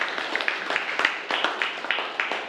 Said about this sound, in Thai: ดีมากเลยครับปรบมือเลยครับนักเรียน